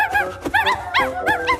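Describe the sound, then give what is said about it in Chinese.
A litter of several puppies yip and whimper in quick, high-pitched bursts, overlapping one another, with no talking over them. “小狗会跑丢的，快把它们抓回来。”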